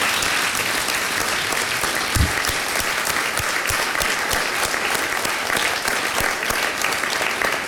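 Sustained applause from a roomful of people in an indoor chamber, steady dense clapping at moderate volume throughout with no one speaking.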